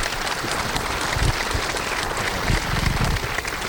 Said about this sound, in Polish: I bardzo proszę o wielkie, wielkie brawa.